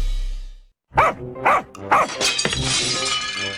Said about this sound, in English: Okay, who broke it? Not me. Definitely not me. Well, somebody broke the front window.